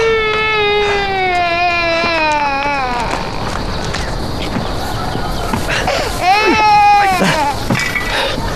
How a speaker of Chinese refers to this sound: 没事，孩子哭了